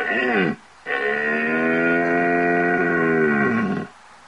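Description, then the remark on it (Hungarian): A red deer stag roars during the rut in the Bocsájtó valley, calmly walking its usual route searching for its hinds: first a short bellow and then a long, drawn-out, deep moaning roar, loud with no other sounds. “Itt lehetett hallani, hogy ez a bika, ez teljesen nyugodtan megy a szokásos útvonalán, keresi a teheneit, és akkor van az a bika, ami meg is találja.”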